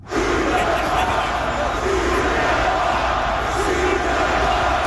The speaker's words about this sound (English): That is 20,000 or so people yelling, shoot the puck.